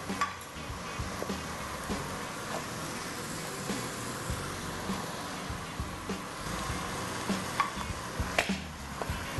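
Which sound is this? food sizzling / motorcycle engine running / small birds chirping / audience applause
food sizzling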